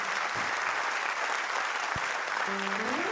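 An audience claps after a song performance in dense, continuous applause throughout, loud, with a brief tonal voice-like sound near the end.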